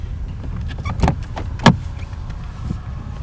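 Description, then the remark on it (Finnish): A car engine rumbles low and steady while two sharp clunks break through as the car is parked on a flat spot of rock at a natural, rocky boat harbour. No one speaks. “Kalliolla on kuitenkin sen verran tasainen kohta, että saan siihen auton.”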